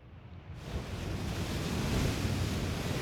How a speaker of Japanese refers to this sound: 急に空の模様が変わって近頃にない大嵐となりました。